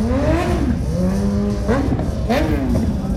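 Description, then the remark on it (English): Loud motorcycle engines rev on Canada Street, the main drag of Lake George, during a block party, their pitch climbing and dropping in several sweeps over constant traffic rumble, with some indistinct voices mixed into the noise. “If you just look up and down the main drag of Lake George, motorcycle after motorcycle.”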